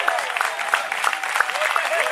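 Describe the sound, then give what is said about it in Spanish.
An audience applauds steadily, a dense, continuous wash of many hands clapping at once, fairly loud and sustained throughout, with faint crowd voices mixed underneath. “Dele fuerte ese aplauso si es para él.”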